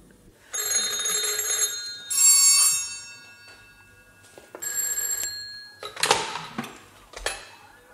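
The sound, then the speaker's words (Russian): Old-style telephone bells ring in several loud, metallic bursts, some overlapping as three telephones go off, with brief pauses between rings and no voices. “Снова о трех телефонах и радио.”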